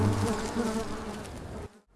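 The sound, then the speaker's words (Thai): A housefly buzzes steadily, a continuous droning hum that holds for under two seconds before cutting off abruptly into near silence. No voices. “มันร้องโอ๊ยโอ๊ยและต่างก็บินหนีไปอย่างรวดเร็วมันร้องบอกว่าไม่เอาแล้วอาหารร้อนๆฉันไม่รับประทานแน่มันเกือบลวกพวกฉันเลยพวกแมลงวันก็ไม่กล้าตอมอาหารร้อนๆอีกเลย”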